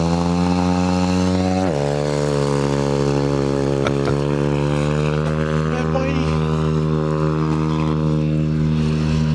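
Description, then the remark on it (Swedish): A small motorcycle engine, ridden by a 6-year-old boy warming up at Tallhult, revs up, its loud, buzzing drone jumping in pitch early on and then holding a steady high whine with slight fluctuations. “Men nej, det liksom, gjorde nu låtsas han att han står och startar. Står han varvar upp.”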